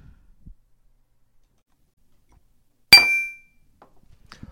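A single bright clink of glasses touching in a toast, fairly loud, with a short ringing tone fading out over half a second amid otherwise near silence.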